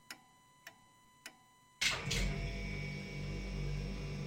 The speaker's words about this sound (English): Oh, there goes my fridge. You hear that sound? It's the fridge sound.